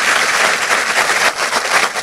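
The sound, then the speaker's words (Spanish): An audience applauds loudly when a speaker asks for strong applause, a dense, steady wash of many hands clapping at once that fills the whole short stretch without letting up. “Si usted lo cree, dele fuerte ese aplauso.”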